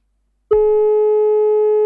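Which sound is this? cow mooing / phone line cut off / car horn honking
phone line cut off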